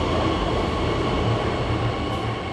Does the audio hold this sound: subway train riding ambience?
yes